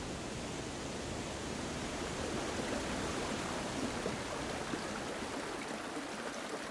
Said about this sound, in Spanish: Aigües Tortas y esta de San Mauricio es el paisaje de los lagos de montaña. El agua aquí suena en todas las notas de la escala.